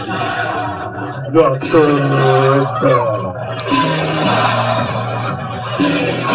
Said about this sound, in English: As the MC booth pipes in some crowd noise, try and get a big stop here, a third and seven.